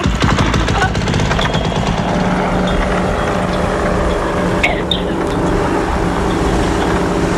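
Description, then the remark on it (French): A paramotor engine roars steadily in flight over the marshes of the Cotentin and Bessin, a loud, continuous buzzing drone with a rattling mechanical edge that holds an even pitch and volume from start to finish. “Oh, ben le paramoteur, parce que je crois que vous les aimez.”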